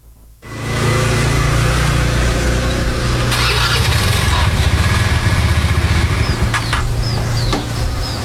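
A motorcycle engine starts abruptly and settles into a steady idle, a loud low rumble with a slight throbbing pulse that continues to the end.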